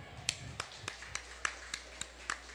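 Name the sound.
people clapping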